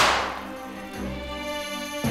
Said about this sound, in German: Konfetti-Kanonen!